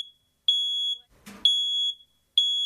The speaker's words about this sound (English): Fire and Rescue New South Wales is urging you to be fire safe this winter and have a working smoke alarm.